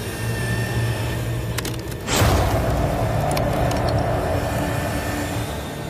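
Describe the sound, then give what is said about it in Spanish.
A steady mechanical hum gives way to one sudden, loud cracking crunch as a cow bone is split in two by hydraulic Jaws of Life being tested for a megalodon-like bite, followed by a rougher, sustained grinding rumble with a few sharp clicks. “Primero, Dan prueba la herramienta con un hueso de vaca.”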